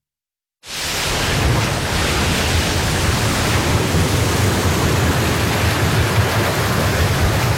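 A loud, steady roar of ocean waves at sea bursts in after a brief silence and rushes on continuously, a dense, hissing wash of water with no voices.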